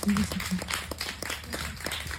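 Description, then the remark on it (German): An audience applauds, a dense, steady wash of many hands clapping that holds at an even level throughout, with a few voices faintly mixed in. “Einen großen Applaus.”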